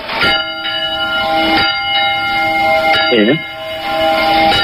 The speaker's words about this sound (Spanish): A ver, pues, las campanas alcalde suenan así.